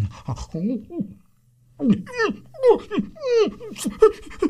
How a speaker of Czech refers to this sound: Co? Co? I pro pána, co se to s tebou, pejsku, děje? Vždyť ty jsi nějaký nemocný. Vždyť ti kape zuby pěna.